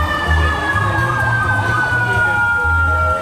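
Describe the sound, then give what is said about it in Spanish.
A fire engine siren wails loudly as firefighters ask to pass through traffic in Viña del Mar, near Independencia and Las Heras streets, its steady tone slowly sliding lower in pitch, with deep rumbling horn blasts pulsing underneath amid street traffic. “Son los bomberos. Los bomberos pidiendo pasar justo por el sector.”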